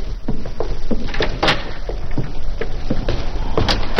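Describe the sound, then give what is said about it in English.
A door opens and shuts, marked by a string of soft thuds and a couple of sharper clacks over a steady low hiss, with no one speaking. “I'll see you to the door, Harper.”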